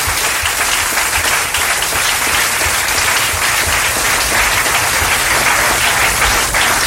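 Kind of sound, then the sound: crowd, applause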